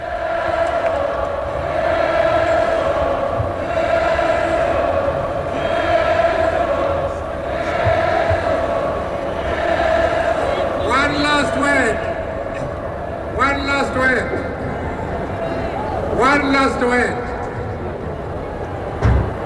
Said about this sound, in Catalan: Así que, de todas formas, tenemos el sonido de todo el ambiente de la juventud que está llenando el Palau Sant Jordi y que recibía con calurosos aplausos al líder del Congreso Nacional Africano, Nelson Mandela. Escuchémoslos un momento.